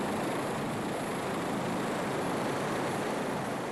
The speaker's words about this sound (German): Vor Kami ist noch Labrador Spike an der Reihe. Und der hat einen Hubschrauber noch nie so nahe gesehen.